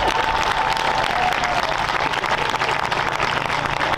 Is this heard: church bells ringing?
no